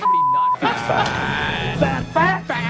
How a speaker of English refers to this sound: Albie, is this all the same alarm, or have you mashed in multiple fat alarms into one? Albie says there's actually four fat alarms. I mean, Albie, to be honest, it's hard for me to justify one fat alarm. Why do we have four?